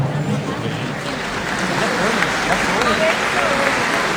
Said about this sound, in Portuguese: Eu já peço uma forte salva de palmas aí para essa galera.